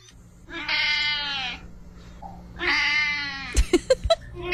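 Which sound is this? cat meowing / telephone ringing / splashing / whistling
cat meowing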